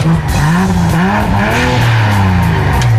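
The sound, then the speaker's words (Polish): A powerful new 381-horsepower four-wheel-drive police car engine revs hard in sport mode, its loud throaty roar rising and shifting in pitch through gear changes over about three seconds, with no voices. “To też duża jednostka, 381 koni, napęd na 4, mocny samochód.”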